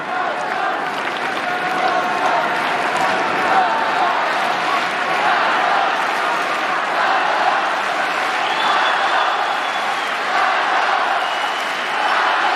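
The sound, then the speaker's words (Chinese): A tennis crowd cheers and applauds steadily after a 20-shot rally between Zverev and Cobolli, a loud, dense wash of clapping and shouting that holds at an even level throughout, with no single voice standing out. “刚才这个多拍啊，也点燃了现场观众的激情。”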